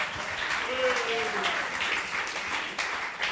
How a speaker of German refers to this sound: Und das gibt einen großen Applaus.